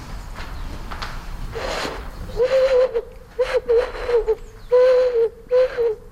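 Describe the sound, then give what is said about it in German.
A series of breathy, hollow, owl-like hoots blown on a snail shell, each a short steady tone around the same pitch, repeated five or six times with brief pauses, fairly loud. “Könnte man fast meinen, man macht eine Eule nach.”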